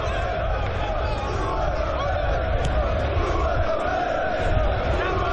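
A large stadium crowd at a football match roars and applauds steadily as Forbes wins back the ball in the 9th minute, a dense, continuous wash of cheering and murmur that holds at an even loud level throughout, with no clear voice standing out.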